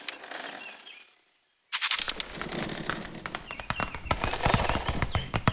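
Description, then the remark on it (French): A tiny spider's rustling, heard as rapid, irregular dry clicks and crackles that start suddenly after a faint hiss and a brief pause, then continue densely with no voices. “Ce que j'entends là est, je crois, le bruissement d'une toute petite bestiole, discrète, active, infiniment légère.”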